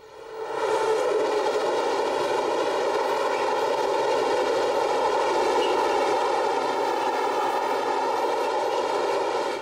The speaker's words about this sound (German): Die Bahn brachte das beschauliche Dorfleben kräftig durcheinander. Wie ein übermächtiger Lindwurm schießt der Zug aus seinem Loch in die Idylle.